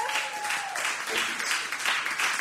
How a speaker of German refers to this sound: Ich möchte uns bedanken bei den Donaufest und beim Donaupopcamp, dass wir spielen durften. Ein großer Applaus.